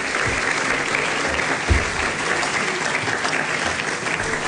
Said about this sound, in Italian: Adesso è il primo caso in cui il ministro Tajani non lo faccio neanche sedere. Se mi fate un applauso per favore al ministro che è arrivato.